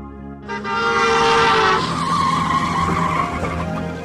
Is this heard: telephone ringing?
no